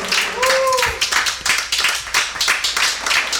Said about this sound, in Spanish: Porque todos, dele palmas al Señor.